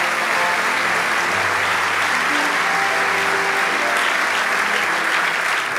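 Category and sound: crowd, audience applauding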